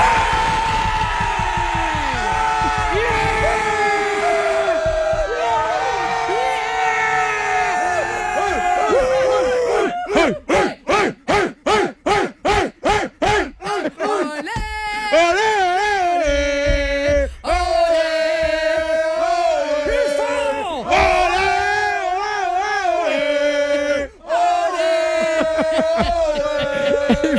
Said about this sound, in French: Là, tu vas avoir une vraie foule.